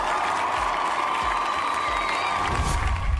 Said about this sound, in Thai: ขอเสียงปรบมือสักครั้งนึงครับผม